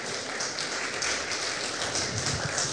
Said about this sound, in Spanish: Dale un fuerte aplauso.